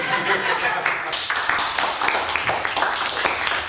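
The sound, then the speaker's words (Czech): A crowd applauds steadily, many hands clapping in a dense, sustained patter at a fairly loud level for several seconds. “Prosím vás pěkně, mám radost vašeho potlesku.”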